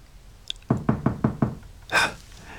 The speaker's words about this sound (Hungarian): A toronyparókás imposztorok már ajtómat döngetik. De hiszen ez a függönyön túlról hallik.